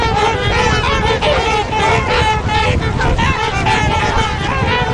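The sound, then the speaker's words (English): A flock of trumpeter swans takes off from water, flapping their wings hard and running across the surface until they gain enough speed to lift off. Loud overlapping honking calls over steady splashing and pattering as their feet slap the water, a dense, continuous din throughout. “And at that time, you actually can hear their feet smacking against the water as they're running there until they get enough speed to actually take off.”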